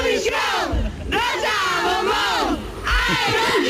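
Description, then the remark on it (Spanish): A crowd of fans of Rosa from Operación Triunfo in Armilla, Granada, chants their loud, rhythmic battle cry in unison, voices rising and falling in repeated phrases with strong harmonic shouting throughout. “Era el grito de guerra de los fans de Rosa de Operación Triunfo,”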